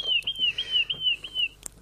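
A small bird chirps continuously in a high, thin warbling trill that wavers up and down, fairly clear, with a couple of brief clicks in the background and no talking.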